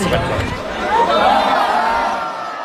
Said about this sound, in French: c'est un lancer précis et une foule qui s'exclame au sujet d'un lancer d'espadrille. C'est quoi ça? Ouais, c'est une compétition très particulière, une tradition aux fêtes de Bayonne.